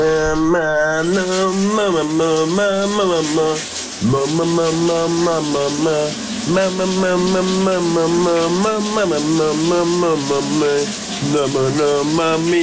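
A man sings a melody continuously over the steady hiss of a running shower in a shower cabin, the water noise constant throughout, with only a brief pause in the singing near the middle.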